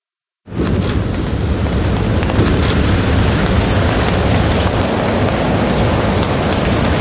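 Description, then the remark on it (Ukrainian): Artillery fire from neighbouring units of the 7th Air Assault Corps starts abruptly, then becomes a loud, continuous rumbling roar that holds steady for several seconds without distinct separate blasts. No one speaks. “Суміжники гатять.”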